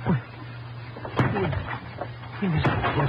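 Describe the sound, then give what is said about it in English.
Two sharp, heavy crashes about a second and a half apart as a door is broken down at a priest's house, a house of God, over a low steady hum with muffled voices in between. “What right are you coming in like this, breaking down the door?”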